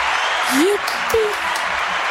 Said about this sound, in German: Vielen Dank, dass wir mitgespielt haben und jetzt erstmal ein Applaus für uns.